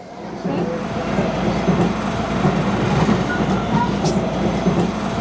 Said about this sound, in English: We're on the train, finally on our way to meet Joe.